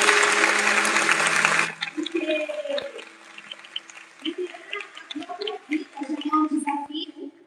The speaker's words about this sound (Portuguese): Mas antes eu quero pedir uma salva de palmas